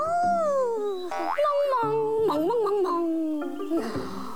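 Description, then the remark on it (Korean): Fairly loud puppy whimpering and howling, a continuous run of high, wavering wails that slide up and down in pitch, with no talking. “근데 아저씨, 제가 곤장 100대를 맞는 게 너무 무서워서 그러는데 이 꿀강아지를 아저씨가 데려가 주시면 안 될까요?”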